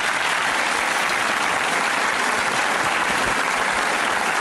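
Steady, dense audience applause fills the whole stretch, a continuous crackle of many hands clapping at an even, loud level with no voices rising above it.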